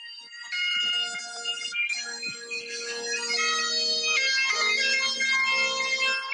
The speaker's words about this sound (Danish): Den her memo, den hedder sækkepipe på min telefon. Den tænker jeg tilbage på ret tit, men jeg har aldrig brugt den. Og det, jeg kan huske, at jeg var i London, og så det regnede meget den dag.